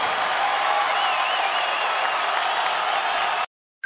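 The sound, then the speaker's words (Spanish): An audience applauds loudly to celebrate Christ during an evening service, a dense wash of many hands clapping at once that holds at full strength for over three seconds, then cuts off abruptly into silence. “Un aplauso fuerte a Él.”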